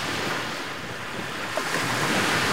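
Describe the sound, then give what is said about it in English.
Waves wash steadily onto Playa San Francisco, a long sandy beach on the Gulf of California curving into a half moon between rock formations, in a continuous, full roar of surf, with a breath of wind noise and no voices. “The long, sandy beach curves into a half moon, cradled by dramatic rock formations that end in the warm blue waters of the Gulf of California.”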